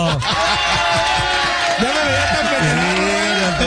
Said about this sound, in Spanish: Un aplauso para mí, ¿cómo de que no?